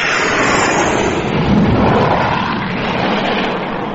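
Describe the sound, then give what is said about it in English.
A loud, continuous roar of an aircraft passing overhead, swelling to a peak midway and then easing slightly, with no voices over it. “That was Frank going over. And what a racket he kicked up and all.”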